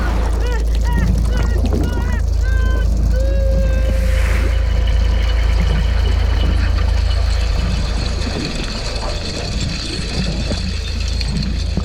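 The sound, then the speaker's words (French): A trawler's engine drones with a deep, steady rumble throughout as it approaches a swarm of krill at sea, with squeaky chirps, honk-like calls and a brief whooshing burst scattered over it. “J'entends un bruit de moteur qui s'approche de l'essaim de krill.”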